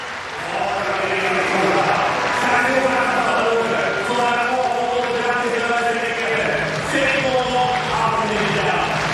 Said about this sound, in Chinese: 他的对手同时呢也是他的好友安德里克斯在场边是为他要掌声，要这个观众鼓掌的节奏，希望能够给他带来一些帮助。